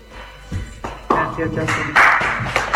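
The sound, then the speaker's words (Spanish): An audience claps at a sports press conference in a dense, steady patter that swells partway through, with a voice speaking over the applause. “El aplauso para bueno,”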